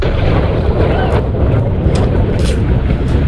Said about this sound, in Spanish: Este era el momento captado por los aficionados que presenciaron esa explosión desde la costa frente a la Estación Espacial de Cabo Cañaveral. El cohete estaba realizando una prueba rutinaria de motores cuando las llamas comenzaron a